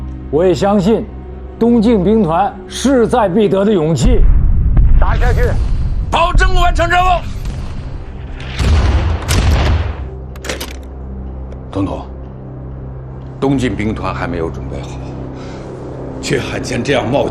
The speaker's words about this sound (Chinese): 这提前响起的炮声，就是我们为党国的国庆献上的贺礼。